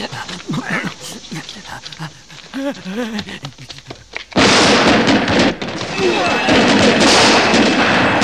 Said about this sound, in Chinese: 用力，用力， 快点，拿出来，快要爆炸了，快点！ 太晚了，已经太晚了。